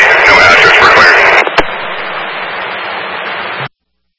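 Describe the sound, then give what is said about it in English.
A burst of garbled, heavily distorted two-way radio transmission from Engine 1, a voice buried in hiss and static, then a click and steady crackling noise before it cuts off abruptly. “Engine 1, can you come back without your transmission was staticky?”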